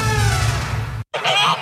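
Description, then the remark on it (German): A brief noisy, humming passage cuts to a moment of silence, then a loud burst of geese honking breaks in, several overlapping nasal calls for about half a second. “Neues aus dem Wermsdorfer Gänsemarkt.”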